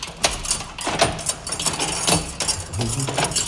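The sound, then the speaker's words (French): Keys jangle and scrape metallically, with a series of sharp clicks and clunks as two locks are turned one after the other in a church, irregular and fairly loud throughout. “Et on l'ouvre avec deux serrures.”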